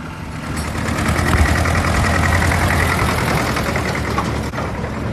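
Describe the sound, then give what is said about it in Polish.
A vehicle engine idles steadily in a staff-only back area with workshops, a kitchen and storerooms, where electric carts and tractors move about: a continuous low, rumbling drone that holds an even level throughout, like a tractor or small utility vehicle ticking over, with no voices. “Meleksy, traktory, ciągniki.”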